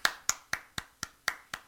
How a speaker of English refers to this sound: He's clapping every time that you say that.